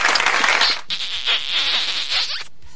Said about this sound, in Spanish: Por favor, esos aplausos, besos.